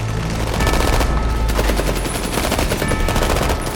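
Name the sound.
barrage of gunfire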